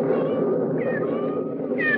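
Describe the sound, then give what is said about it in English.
Kittens mewing outdoors on a stormy night, in a steady, overlapping stream of thin, high-pitched cries that waver and rise in pitch now and then, fairly loud and continuous, with no voices. “Sounds just like little kittens.”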